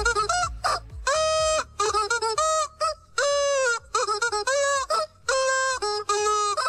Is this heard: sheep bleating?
no